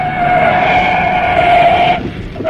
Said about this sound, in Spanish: Enfilaba el auto a toda velocidad por la carretera rumbo a Liverpool.